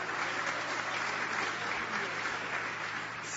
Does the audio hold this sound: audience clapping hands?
yes